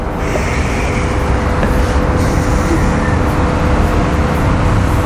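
Steady roar of road traffic, cars rushing past with a continuous whoosh of air and tyre noise, loud and unbroken throughout, with no voices.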